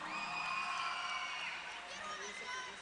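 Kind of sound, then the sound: crowd, audience applause and cheering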